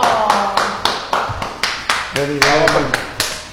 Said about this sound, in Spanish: No, quiero un aplauso para mi amigo. ¡Vamos, aplauso!